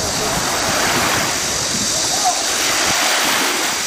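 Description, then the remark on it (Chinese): A steady, loud wash of surf at a military sea training ground in hot weather above 38°C, ocean waves churning continuously over undercurrents as soldiers train in sea swimming, with a faint hint of a voice buried beneath the roar. “入伏以来，演训场部分地区最高温度突破38摄氏度，海面暗流涌动，浪涛起伏，加上高温天气下体力消耗加快，对官兵的游泳技能和耐热能力都是不小的考验。”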